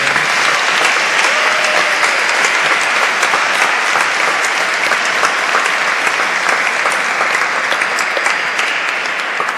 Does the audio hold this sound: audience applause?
yes